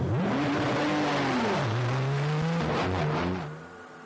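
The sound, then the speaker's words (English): A racing car's engine revs hard as its wheels spin and it pulls back onto the circuit at Spa-Francorchamps after a spin, the loud whine rising, dipping, then climbing again before fading slightly at the end. No one speaks. “Nah, 3 out of 10 for the wheel spin there.”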